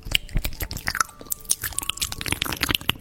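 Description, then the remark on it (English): Wet ASMR chewing right against the microphone, with a steady rhythm of crunchy bites, smacks and clicks, loud and intimate with no talking. “That is somebody chewing into a microphone, ASMR.”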